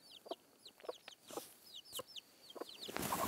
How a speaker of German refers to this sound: Au, du blöde Henne, du.